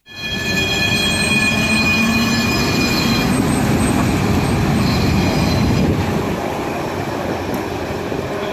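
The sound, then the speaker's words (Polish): A line 46 tram from Łódź to Ozorków rumbles into motion at the start of its symbolic last journey before the line was suspended in February 2018, its wheels squealing on the rails with sustained high-pitched tones over a steady low mechanical roar that continues as it moves off. “Tak brzmiał początek symbolicznej ostatniej podróży tramwaju linii 46 przed zawieszeniem.”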